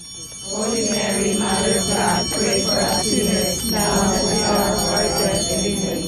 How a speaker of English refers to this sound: On a warm Saturday morning in May, ringing bells pierced through the quiet in the neighborhood surrounding St. Mary's Church on East 8th Street in National City.